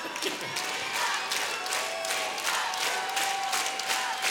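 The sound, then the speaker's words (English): A concert crowd at Dalhalla roars and shouts steadily, with loud bursts surging in a loose, repeating rhythm over a constant wash of cheering and clapping. “Thank you to the 50 people here that shouted that.”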